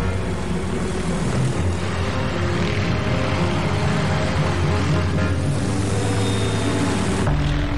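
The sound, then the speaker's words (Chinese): A propeller airplane, the Air Palace (空中行宫号), roars loudly and steadily as it powers up and takes off first among 12 aircraft at dawn on 9 November 1949. Its engine drone is thick with humming tones. No voices are heard. “10分钟之后，潘国定驾驶着载有刘静怡和陈卓林的空中行宫号率先起飞。”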